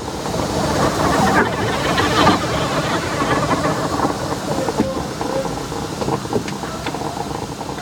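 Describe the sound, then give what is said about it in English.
A steam locomotive hisses and rumbles along the rails, a dense, steady roar of steam and clattering wheels that carries on without a break for several seconds. “or locomotives as they were called, had iron openings into which you fed spoonfuls of wood and coal, building fire that could melt ice into blood, or boil village cauldron, heat rising till the seams of the loco hissed and spat with escaping steam.”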